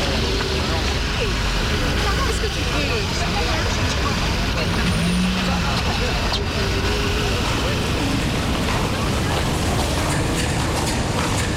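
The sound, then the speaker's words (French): Busy metro station hall ambience as offices let out: a steady, dense murmur of many indistinct voices over a constant low rumble, with occasional brief clatters and a faint squeal, fairly loud throughout. “Il y a du monde dans le hall du métro.”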